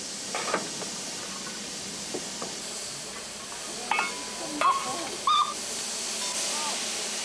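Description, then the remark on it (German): Steam tram locomotive No. 4, which ran in Italy from 1900, hisses steam in a steady, breathy wash on a museum railway at the Chambly stop above Montreux, with a few short sharp squeals and clanks breaking through near the middle. “Trambahnlok Nummer 4 fuhr ab 1900 in Italien und trägt den wohlklingenden Namen Rimini”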